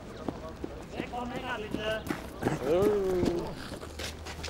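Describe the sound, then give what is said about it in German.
Irregular hoof clops of Mongolian horses on a hard surface as they are being loaded, fairly loud, with indistinct voices and a drawn-out, whinny-like call mixed in. “Weiter zum nächsten Akt der Mongolen-Pferde-Verladeaktion.”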